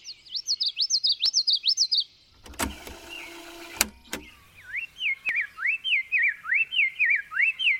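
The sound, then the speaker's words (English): Bird song recorded on tape at high speed, then played back at half speed, lowering its pitch: a steady series of swooping whistled notes, briefly interrupted by a harsh mechanical whir, then resuming slightly lower in pitch. No talking. “Back in the 70s, he recorded birds on tape at high speed, then played the tape back at half speed.”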